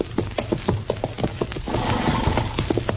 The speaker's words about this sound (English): Darn horse. Seems he's just bound to stomp all the dust in Kansas in my eyes.